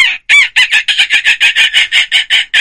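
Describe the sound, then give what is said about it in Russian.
Someone imitates seagull cries with their voice as a vocal exercise: a quick run of about a dozen short, shrill, nasal squawks in a steady rhythm, loud, with no talking around them. “Звук давайте... чайки, да, тоже о, классно. Давай, чайки, это классно.”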